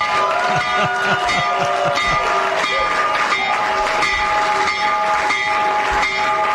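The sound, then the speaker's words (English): A loud, sustained electric bell, the stock market opening bell rung by the U.S. President, rings continuously for several seconds, its steady metallic clang sounding over a dense wash of crowd noise. “When the markets open in just a few minutes, Trump accounts will benefit. So ring the bell, Mr. President.”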